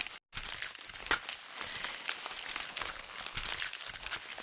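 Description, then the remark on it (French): Dry banana leaves crinkle and rustle continuously, a crackly texture of crisp snaps and crumpling with a brief silent gap near the start and no voices, used by a musician working with concrete sounds. “Ce bruit, lui-même crépitant et savoureux, est celui des feuilles du bananier.”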